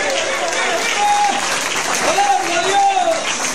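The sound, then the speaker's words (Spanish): A church audience applauds in praise of God in a steady, dense wash of clapping that holds for the whole stretch, with a few voices calling out and sustained tones rising over the noise. “Dale ese aplauso grande al Padre, al Hijo y al Espíritu Santo.”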